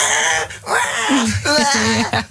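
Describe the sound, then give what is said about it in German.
A voice imitates a baby crying during a car ride, with a few wavering, whiny wails in quick succession, fairly loud, with no other sounds around it. “Ja, wenn euer Baby es auch hasst, Auto zu fahren und weint und schreit, dann versucht es doch mal mit einem Bild von euch.”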